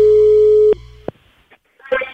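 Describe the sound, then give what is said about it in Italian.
A steady electronic telephone busy tone as the line of a phone call drops, holding for about three quarters of a second, then cutting off with a couple of clicks, followed by faint handling noise and a brief burst of voice at the end. “Eccomi, è caduta la linea.”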